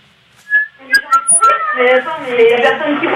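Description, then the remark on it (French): A seagull calls in a run of loud, high, wailing cries that start as short separate notes and then blur into a continuous chorus of overlapping squeals. “J'entends la mouette.”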